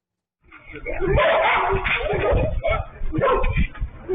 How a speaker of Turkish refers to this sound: Sarıyer'de sürü halinde dolaşan köpeklerin vatandaşlara saldırdığı, hatta bazı kişileri de ısırdığı öne sürüldü.